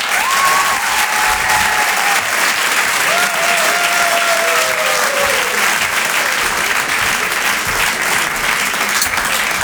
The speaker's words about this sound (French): Merci de garder cette énergie, de faire un tonnerre d'applaudissements